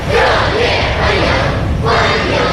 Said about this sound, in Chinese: 人民大会堂北门外，礼宾分列道路两侧。 欢迎欢迎，热烈欢迎！欢迎欢迎，向你！ 青少年热情欢呼致意。